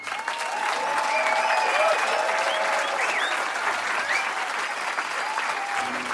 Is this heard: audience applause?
yes